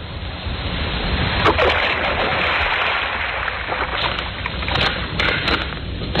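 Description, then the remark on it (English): A heavy splash as an unconscious woman is dumped into a river rises out of a steady rushing, churning water noise with a low rumble underneath; no voices. “Now, into the drink she goes.”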